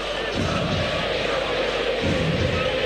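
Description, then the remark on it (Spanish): A large stadium crowd at an Independiente football match applauds in a dense, steady wash of clapping and crowd noise that holds at an even, fairly loud level throughout, with a couple of dull low thumps. “A puro aplauso, Independiente, Martín.”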